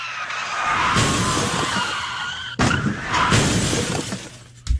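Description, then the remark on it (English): A loud, sustained tire skid screeches for about two and a half seconds, then a second skid follows with crunching and shattering impacts, ending in a final crash burst, as a car being chased by police crashes. No one speaks. “You totaled a car and the 6 police cruisers, which is better than last month's incident.”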